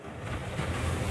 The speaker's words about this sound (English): This hardly sounds groundbreaking, does it? But it's the sound of wave energy that could power a multi-billion dollar blue economy. UWA researchers in Albany have turned ocean waves into electricity to help WA's progress in renewable energy.